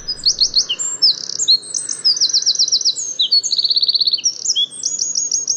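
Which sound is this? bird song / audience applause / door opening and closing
bird song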